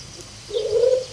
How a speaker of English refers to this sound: More pigeons? The pigeon again, yeah.